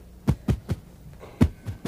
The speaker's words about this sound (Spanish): Él comienza a envejecer y va al doctor, quien le dice, no me gusta el sonido de esos latidos.